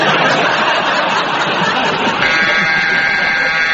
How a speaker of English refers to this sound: And that very attractive, very long buzzer means that it's the end of that round and it is the end of tonight's programme.